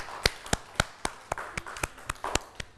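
Children clap in a steady, quick rhythm, about a dozen sharp, crisp claps evenly spaced over a few seconds, with no voices over them.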